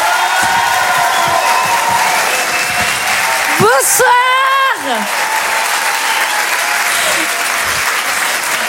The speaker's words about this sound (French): Je vous demande de l'encourager et de l'applaudir très très fort. S'il vous plaît, voici